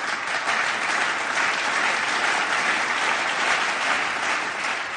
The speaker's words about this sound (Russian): Их встретили громом аплодисментов.